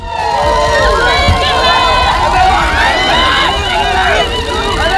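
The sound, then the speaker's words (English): A large crowd cheers the Duke and Duchess of Sussex at their first joint engagement since returning to the UK, many overlapping voices shouting and whooping in a loud, unbroken roar that carries on for the whole stretch. “And the Duke and Duchess of Sussex have been cheered at their first joint engagement since returning to the UK.”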